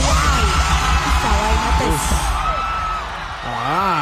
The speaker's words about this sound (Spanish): al Estadio Olympic, completamente lleno, el artista puertorriqueño inició su show recreando la emblemática salida del rey del pop, un gesto que provocó explosión, gritos, teléfonos grabando